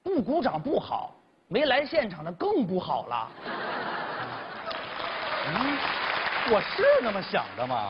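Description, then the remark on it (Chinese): A voice speaks for a few seconds during a live xiangsheng (crosstalk comedy) performance, then an audience breaks into steady, dense applause that lasts to the end, with scattered laughter and a voice cutting in over the clapping. “啊， 这弦外之音就是，您鼓掌就好。”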